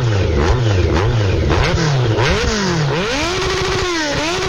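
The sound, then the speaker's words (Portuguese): A motorcycle engine revs loudly, its pitch climbing and dropping in repeated throttle bursts before rising into a sustained high whine. No voices accompany it. “E Extrac Motos Honda, quem leva a liberdade a sério.”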